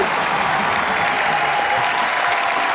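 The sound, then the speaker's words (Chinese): Sustained applause from a large audience at a stage performance, called for by the performers on stage, a dense, steady wash of clapping filling the whole stretch at an even, fairly loud level with no voices standing out. “谢谢，我还这么告诉你、咱们此时此刻站在舞台上也得等， 等什么呀？ 掌声啊！”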